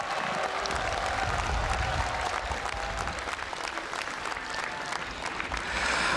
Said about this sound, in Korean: 사부대중 여러분, 총무원장 진우 스님께 감사의 마음, 축하의 마음을 크게 담아서 다시 한번 힘찬 박수 부탁드리겠습니다. 환호성도 좀 보내주시면 너무 좋습니다.